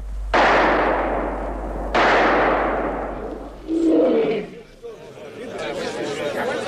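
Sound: gunshots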